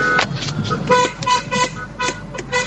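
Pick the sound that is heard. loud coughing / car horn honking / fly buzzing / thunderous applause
car horn honking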